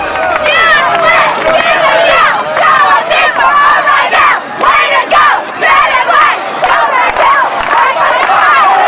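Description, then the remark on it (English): A loud crowd of students cheering on cheerleaders at a pep rally beside a bonfire, with a dense, continuous wash of shouting and excited voices, high yells rising and falling throughout. “A crowd of students cheers them on.”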